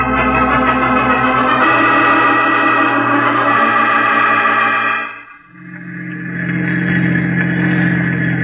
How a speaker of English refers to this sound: Driver, you're slowing down.